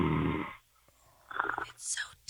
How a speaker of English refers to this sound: Oh, is he sleeping? Oh, sleeping. He's sleeping. He's got snoring problems.